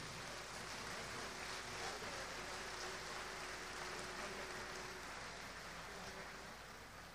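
Steady audience applause at a ceremony, given in thanks to the escort and war band of the First Naval Zone and the escort of CBETIS No. 103: a dense crackle of many hands clapping at once, holding at an even level for several seconds without fading, with no voices over it.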